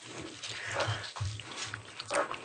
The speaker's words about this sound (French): Excusez-nous, on est en train de manger.